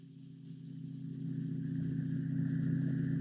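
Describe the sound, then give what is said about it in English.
A motor car engine hums steadily as it approaches a decaying, weather-boarded house on glimmering marshes, its low drone swelling gradually louder over a few seconds with no voices present. “Only the heat on the glimmering marshes and the decaying, weather-boarded house as a motor car approaches.”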